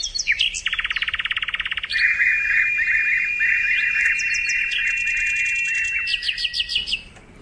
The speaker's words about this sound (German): Denn der muss ja weit nach Südafrika, denn fliegt er auch schon Ende August, Anfang September sind die weg. Ja. Der Vogel der Woche, der Sprosser.